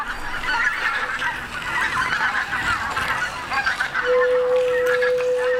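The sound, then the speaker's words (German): Ceramic flutes play a dense, breathy chorus of overlapping honking tones, then a single steady high-pitched note enters and holds under the busy texture toward the end. No one speaks. “Tonloch ist ein Werk für Keramikflöten, Flötenzuspiel und Video projiziert auf Ziegel in einem Aquarium”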